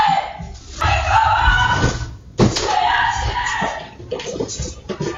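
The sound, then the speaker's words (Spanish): A woman's loud, strained screams in two long bursts, captured by a home security camera as she realizes there are burglars in the house. The sound is harsh and distorted, as if picked up by a small microphone, with bumping thuds underneath and a shorter cry near the end. “Así lo ha contado en sus redes sociales, donde ha compartido también la imagen de las cámaras de seguridad que recogen sus gritos al darse cuenta de que había ladrones.”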